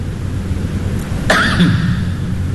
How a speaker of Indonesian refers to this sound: Batuk tu bukan setakat tutup mulut, cungkil gigi.